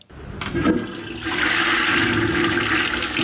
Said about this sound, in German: Was hier gerade im Abfluss verschwindet, ist für Professor Uwe Schröder keineswegs nur Abfall. Denn in diesem Wasser steckt Energie, sagt er.